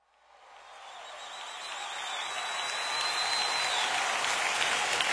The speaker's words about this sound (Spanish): Vamos a dar gracias a Dios. Su amor es para siempre. Amén. Fuerte ese aplauso.